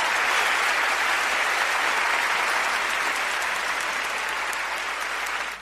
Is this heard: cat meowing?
no